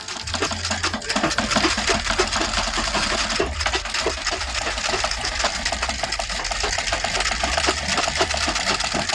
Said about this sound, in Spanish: Llenamos el estudio de primorosos vestidos, de faldas, blusas, botones, hilo, aguja y, claro, lo que no nos puede faltar tampoco es la máquina de coser.